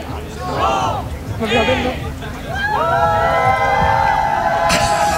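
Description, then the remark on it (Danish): A large crowd counts down in loud rhythmic shouts before a fence is opened for them to run in, then breaks into a sustained, rising roar of cheering voices over constant background hubbub. “Der er 1 minut til, at hegnet det bliver åbnet, og de så kan løbe ind. De tæller ned.”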